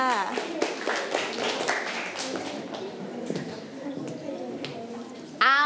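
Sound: children clapping their hands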